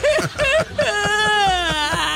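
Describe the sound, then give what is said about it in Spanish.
A voice cries and whimpers: three short, sobbing whimpers in quick succession, then a long, wavering, drawn-out whine that trails off. No words are spoken. “Es más, me quedé llorando aquí.”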